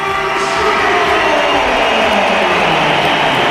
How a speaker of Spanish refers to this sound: Bueno, primera vez que entra en muchos meses en el Santiago Bernabéu como suplente. Sí, más aplausos que pitos, hay pitos también.